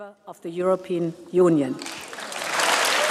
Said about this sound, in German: Tosender Applaus und stehende Ovationen für den Premierminister, einer der Höhepunkte der Rede der Präsidentin.